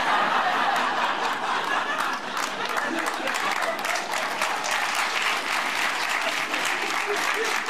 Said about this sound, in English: See, sometimes when people start applauding, other people are like, no, we don't want to move our arms.